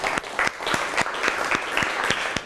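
A brief burst of audience applause, many hands clapping steadily at close range with sharp, dense claps filling the space, and no talking over it.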